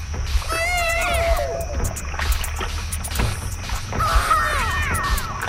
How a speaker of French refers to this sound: C'est un bébé, en fait, sur un vinyle, d'un vinyle de Sound Effects des années 70.